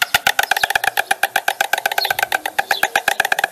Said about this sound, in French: Je vais, lancer un son enregistré dans une colonie d'oiseaux. Alors, écoutez bien ce son.